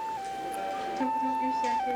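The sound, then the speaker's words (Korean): A distant ambulance siren, heard from inside a busy hospital, holds one steady pitch, then shifts to a slightly higher one, the two-tone wail sounding faint and far off. “아이의 울음소리, 기침소리, 두런두런 수다를 떠는 소리, 방송으로 누군가를 찾는 소리, 그리고 저 멀리서 울리는 구급차 소리.”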